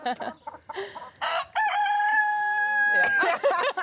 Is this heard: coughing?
no